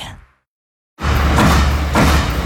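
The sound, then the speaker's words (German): A sheet metal stamping press in series production runs loud, its repeated heavy clacks, each one a finished sheet metal part, landing about every half second over a dense, continuous roar of factory machinery after a brief silence. “Jeder Klack ein fertiges Blechteil. So klingt effiziente Serienfertigung.”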